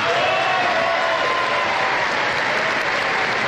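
Sustained applause from a large audience fills a hall as former president Álvaro Uribe's name is mentioned, a dense steady wash of clapping at even loudness from start to finish, with a faint murmur of crowd voices beneath.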